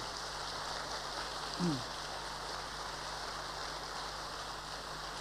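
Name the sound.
audience applause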